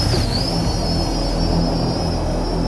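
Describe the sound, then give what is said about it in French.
A camera drone hovers overhead, observing the area while searching for enemy targets, its steady high-pitched propeller whine dipping slightly at the start and then holding constant over a low rumbling hum, with no voices. “J'ai une unité drone de recours en vol.”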